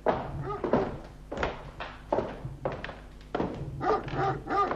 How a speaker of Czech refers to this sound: Doufám, že mě ten váš ďábelský pes nechá projít. A jen se nebojte, pane inspektore. Vidí, že se loučíme jako dobří přátelé.